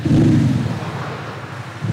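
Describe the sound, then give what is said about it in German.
A deep, loud engine-like rumble from an Audi's sound generator, a loudspeaker faking engine noise unrelated to the motor, reaching about 93 decibels at standstill; booming at first, then settling into a steady throbbing drone and swelling again at the end. No one speaks. “Das hat nichts mit dem Motor zu tun. Das ist einfach ein Lautsprecher, der Krach macht.”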